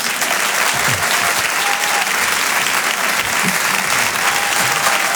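audience applause

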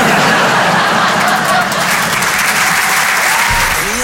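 applause

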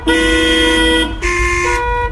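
car horns honking

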